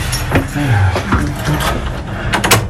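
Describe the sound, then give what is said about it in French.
A key rattles and turns in the lock of an old door in the Basilica of Saint-Sernin, leading to areas not open to the public, giving a series of sharp metallic clicks and clunks with low creaking groans in between, ending in a couple of loud clacks. “Allez, on va prendre cette porte.”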